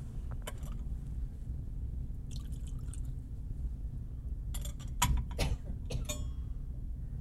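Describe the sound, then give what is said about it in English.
Water and wine poured into a chalice during a Christian offering of bread and wine, in short trickles and drips, with a light clink of the vessel, over a low steady room hum and no talking. “For the mystery of this water and this wine, may we come to share in the divinity of Christ, who humbled himself to share in our humanity.”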